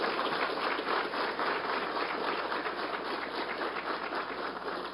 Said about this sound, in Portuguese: Muito obrigado, uma salva de palmas